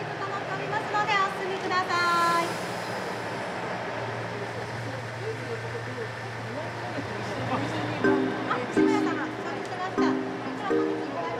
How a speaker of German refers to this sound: In Nanao treffen sich der Hana Yomenoren und der Satoyama Satomi, der Ausflugszug der Noto Railway. Auch dieser kurze Zug zieht Besucher aus ganz Japan an.